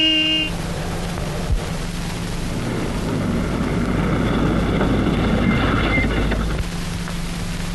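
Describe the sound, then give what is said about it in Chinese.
A car engine rumbles, its low growl building steadily over several seconds before cutting off abruptly as the vehicle, sent by a company commander with an officer and a large leather bag, pulls up and stops in Shanghai. “报告首长，连长派我送了一辆汽车，一个军官，一个大皮包。”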